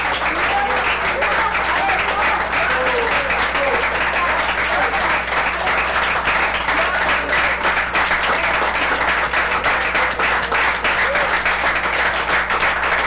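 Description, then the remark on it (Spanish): A church audience breaks into loud, sustained applause for God, dense rapid clapping that holds steady for over ten seconds with a faint murmur of voices mixed in. “¡Fuerte aplauso a nuestro Rey, hermanos!”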